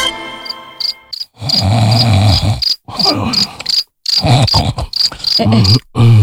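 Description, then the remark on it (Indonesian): A person snores in a series of low, rasping breaths with short pauses between them, while crickets chirp steadily in a high, pulsing pattern throughout. “Ih, kamu tuh tidurnya ngorok.”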